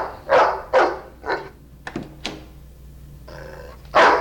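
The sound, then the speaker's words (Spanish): A dog barks loudly, three quick barks in a row, then a pause with a couple of clicks and a short whine before one more bark. “¿Qué hay del perro? No morderá.”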